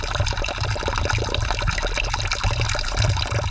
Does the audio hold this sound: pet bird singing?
no